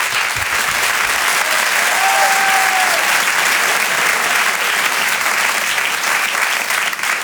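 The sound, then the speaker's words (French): A large crowd claps steadily for several seconds as comedian Jérémy Charbonnel is introduced on stage, a dense, loud wash of applause with a faint tonal whistle-like tone briefly rising above it. “Et je vous demande de l'applaudir lui aussi très fort.”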